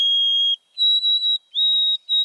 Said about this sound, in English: And this summer, Maywood Park held a mystery. Throughout June and July, it hosted an oversummering white-throated sparrow. Every morning, I'd hear its clear, pipe-like song.